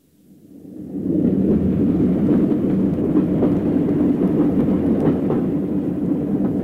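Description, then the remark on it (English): A train rumbles steadily along the rails past Guyra, nearing Black Mountain, fading in quickly and then holding a loud, continuous roar with faint rhythmic clacking from the wheels. No voices. “The man who'd boarded the train at Glencoe hadn't stirred, hadn't moved a muscle.”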